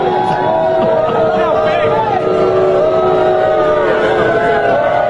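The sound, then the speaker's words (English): A large crowd at the venue in New York boos Donald Trump loudly and continuously as he arrives, a dense, sustained wall of voices with drawn-out, wavering tones rising and falling over the full stretch. “Donald Trump being lustily booed when he arrived at the venue tonight in New York.”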